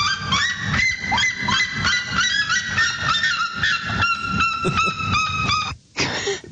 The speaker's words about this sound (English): And this is the red-legged sariema. These are both jungle birds, okay? So they live in the Amazon, but this is the red-legged sariema's call, also on the order of the loudest bird in the world.